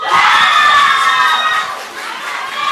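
A loud crowd cheers and shouts continuously, with high excited voices, likely children, and clapping mixed in, staying strong for the whole few seconds with a slight dip near the end.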